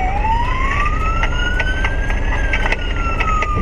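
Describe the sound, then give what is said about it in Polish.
A police siren wails steadily in a slow rising and falling tone, loud, over a constant rumble of engine and road noise from a moving vehicle, with faint rhythmic clicks throughout, during a police pursuit of teenage riders on electric motorcycles in Rybnik, Poland. “Teraz policyjny pościg grupy Speed za nieletnimi motocyklistami w Rybniku.”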